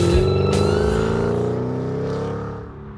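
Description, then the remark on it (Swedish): A car engine revs loudly, its pitch climbing steadily in a drawn-out roar before easing slightly, with no voices present. “Man tyckte ju de här som åkte upp och ner på avenyn var lite så här, det är lite tunt i sällan, måste bilen låta.”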